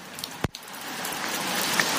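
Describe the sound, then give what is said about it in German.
Steady, soft rain patters on a metal roof as an even hiss, broken by one sharp, loud drip-like tap early on; no voices. “Hier ist so ein Blechdach. Man würde denken, es trommelt übelst.”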